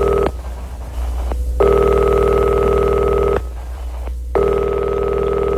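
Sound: old telephone ringing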